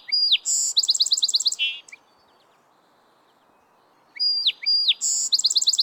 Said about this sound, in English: From a woody thicket along the bank, male song sparrows belt out their chorus all day long.